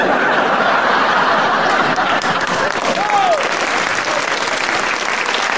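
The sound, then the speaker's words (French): Sustained applause from a live audience, a dense steady patter of many hands clapping at once, with a few faint chuckles mixed in. “Oh, je sais bien pourquoi vous applaudissez, va.”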